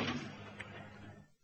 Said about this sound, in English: The door. What do you want to go and do that for? I didn't. I thought it was you.